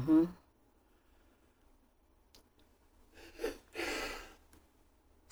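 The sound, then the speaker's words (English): A sharp intake of breath followed by one forceful, noisy sneeze, fairly loud, with a short snippet of voice at the very start and quiet otherwise. “Bless you.”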